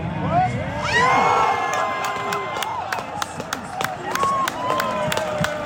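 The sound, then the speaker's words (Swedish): A large crowd cheers at a municipal big-screen viewing in a park in Norrköping, Sweden, in heavy rain, after the fifth goal and final whistle of Sweden's World Cup match: a loud continuous roar of overlapping voices with rising yells and scattered sharp claps throughout. “Femmet målet där och så slutsignalen.”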